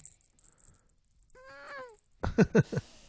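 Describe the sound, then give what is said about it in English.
A cat lets out a single drawn-out, wavering groan, followed moments later by a few short, louder bursts of sound. “Oh, that was pretty good. That was more of a groan.”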